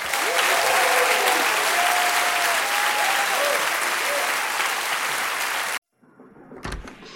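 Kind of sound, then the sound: crowd, audience applause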